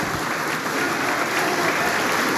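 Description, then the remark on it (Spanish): Steady, dense applause from a large crowd in the Congress of the Republic of Peru for President Keiko Fujimori as she prepares to address Congress, a continuous wash of many hands clapping at an even, sustained loudness with no pauses and no voices standing out. “Pese a ello, los aplausos continúan para la presidenta Keiko Fujimori, quien se presta a dar el mensaje al Congreso de la República.”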